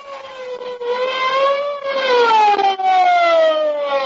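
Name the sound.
police car siren approaching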